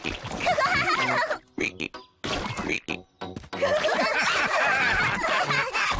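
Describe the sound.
Children's voices, as Peppa and George, imitate frog croaks in a quick, playful series, with a brief pause midway before the loud croaking resumes, mixed with giggly vocal sounds.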